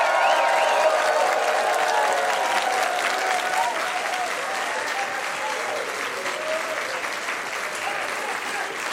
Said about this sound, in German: Ihr werdet es gleich hören, aber zuerst einmal dürft ihr mitkriegen, wie viele Leute da sind. Die klatschen nämlich jetzt und werden juchitzen, damit ihr mitkriegt, die Stadt ist voll in Regen.